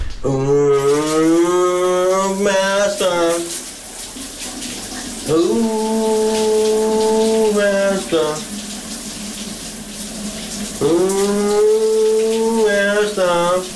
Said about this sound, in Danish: Kunne du godt høre, hvad det var, min kollega han havde gang i bruseren her til morgen? Han har kastet sig ud i brusebadshittet.